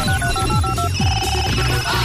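A telephone rings on an outgoing call from a radio show to a listener, a repeating electronic ring tone in steady bursts, clear and fairly loud over a busy background of music or studio noise.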